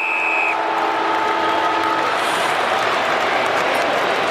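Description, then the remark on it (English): The halftime siren at a football match involving Hawthorn: a steady, high siren tone sounds for about half a second, with a lower horn-like drone lingering beneath a loud, continuous roar of crowd noise that fills the whole clip. “Literally on the siren. It couldn't have been any closer.”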